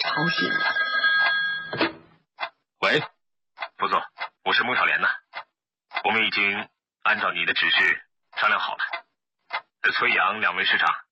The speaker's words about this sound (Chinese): 7号午夜12点，一阵急促的电话铃声，把刚刚入睡的何基峰